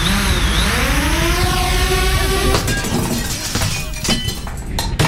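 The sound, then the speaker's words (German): A small drone's motor whines and rises in pitch, then smashes through a sports clubhouse window at a football pitch with a loud crash of shattering glass, followed by scattered tinkling shards and clatter. “Zählt Sportheimfenster auch?”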